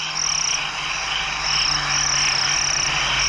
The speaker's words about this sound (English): Can you hear that? All the crickets in the background.